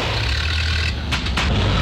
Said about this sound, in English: Now his car sounds like a coffee grinder on strike.